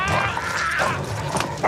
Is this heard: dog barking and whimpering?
yes